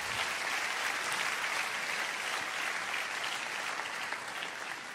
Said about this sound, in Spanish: Amén. Dale un aplauso, otro aplauso al Señor.